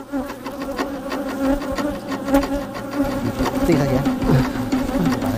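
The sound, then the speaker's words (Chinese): A dense, continuous drone of many wild Chinese honeybees from Changbai Mountain buzzing at their nest, a narrow crack in an old linden tree, steady and loud for the whole stretch, with overlapping wingbeat hums and no voices. “虽说长白山野生中华蜜蜂有超长的御寒能力，但依旧不能在低温中暴露时间过长。”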